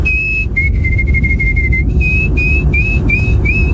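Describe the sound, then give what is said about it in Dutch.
A person whistles an imitation of a canary: a steady high note, then a quick trilling run, followed by a series of short rising chirps, all over a low, constant rumble. “Dat was een goede imitatie van een kanarie, hè?”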